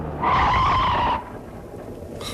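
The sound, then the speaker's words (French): A car's tires skid with a loud, high screech lasting about a second as the car runs into a motorcyclist, then give way to a low rumbling background with no sharp impact clearly audible. “Non, la moto est coincée sous les cieux.”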